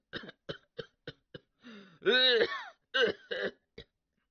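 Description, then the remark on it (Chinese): A voice imitates the character Luo Cheng having a rapid coughing fit inside a carriage: a quick string of five sharp coughs, a strained, wheezing gasp, then a few more harsh coughs, fairly loud. “这位就把身子直起来了，但车中罗成并未发话呀，而是一阵急促的咳嗽。”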